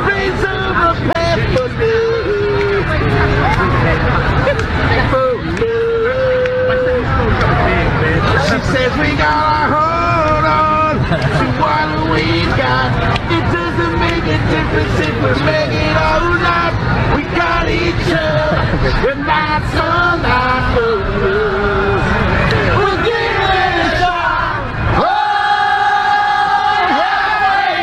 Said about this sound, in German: Da sitzt so ein einsamer Kerl, vielleicht ein Obdachloser, auf einer Parkbank und fängt an, einfach diesen einen Hit vor sich hin zu trällern und plötzlich steigen alle mit ein, ne?